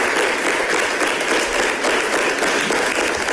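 Sustained applause from a large crowd for the mayor at an extraordinary plenary session of Cartagena City Council, as a motion of censure fails: a dense, steady wash of many hands clapping at an even loudness throughout, with no distinct individual claps standing out and no voices.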